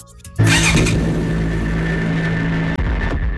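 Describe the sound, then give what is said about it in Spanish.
A motorcycle engine roars up abruptly and holds a loud, steady rumble, dipping briefly before surging again, with street traffic noise around it on the streets of Tabasco, and no one talking. “Las motocicletas son cada vez más comunes en las calles de Tabasco.”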